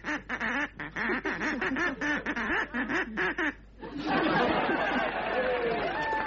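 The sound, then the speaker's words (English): A voice imitates a duck with a rapid string of nasal quacks for several seconds, then the audience at Ronnie Scott's breaks into loud laughter and chatter. “What did he say then, …?”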